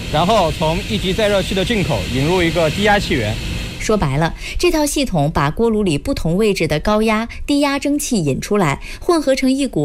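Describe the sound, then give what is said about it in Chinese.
A steady, loud hiss of steam rushing through a steam ejector, the main equipment of a boiler's flexible regenerative heating system, which mixes high- and low-pressure steam drawn from the boiler into medium-pressure steam, runs throughout, with a man talking over it. “这边就是我们柔性回热的主要设备，这个里面是我们的柔性回热的那个蒸汽引射器，它从锅炉的一级过热器的出口和二级过热器的出口各引一路气源，进形成一个高压蒸汽。”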